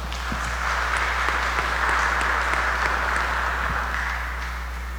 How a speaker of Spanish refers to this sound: Que Dios le bendiga y le damos un aplauso hoy en su cumpleaños.